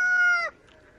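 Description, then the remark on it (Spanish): A voice imitates a rooster's crow: one loud, sustained call lasting about half a second that bends downward at the end, then quiet. “Al principio canta como gallo.”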